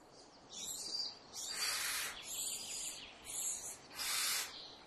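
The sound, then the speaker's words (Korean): Barn owls give a run of harsh, hissing screeches, about five drawn-out rasping bursts in quick succession, fairly loud against a quiet background. “긴 밤사냥을 마친 어미 원숭이 올빼미는 지쳐 있습니다.”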